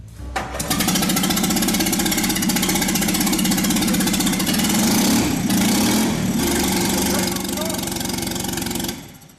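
A loud, raw AMG engine block runs steadily for the first time in a workshop, with its exhaust disconnected and no radiator or throttle control, a harsh, rattling mechanical roar, briefly surging midway before cutting off near the end.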